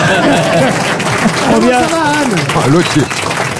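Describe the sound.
A steady wash of audience applause fills the whole stretch, loud, with several voices calling out and talking over the clapping.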